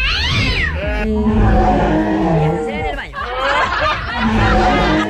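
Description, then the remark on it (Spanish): A person imitates a kitten's meowing with several drawn-out, wavering high-pitched mews, loud, the voice sliding up and down in pitch across a few seconds. “el único operador que tiene más de 64,000 sonidos de animales, incluyendo... un perrito. Una cabra. Un gatito.”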